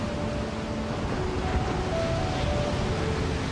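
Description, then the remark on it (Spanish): Ocean waves wash in a steady, continuous rushing roar with no distinct breaks, joined by a faint, low, steady hum. No one speaks. “Este es el océano.”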